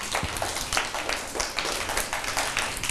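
Children in a class led by a teacher clap for a classmate in steady applause. Many quick overlapping claps form a continuous crackling patter with no voices over it.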